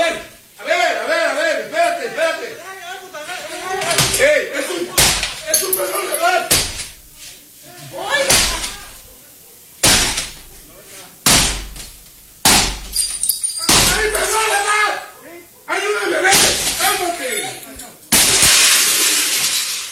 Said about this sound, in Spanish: un video quedó grabado el momento en que por lo menos tres sujetos vestidos de negro y usando pasamontañas irrumpen en la casa. Uno de ellos golpea la puerta con el mazo